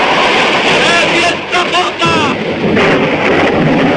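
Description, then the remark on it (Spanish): A loud, continuous storm at sea roars throughout, with heavy rumbling like thunder and crashing wind and water, while voices shout faintly beneath the din, during the open-ocean shooting of John Huston's Moby Dick in the whaling waters of the Azores. “Tormentas hicieron que 3 de los artilugios mecánicos que habían sido construidos simulando ser la ballena blanca se perdieran.”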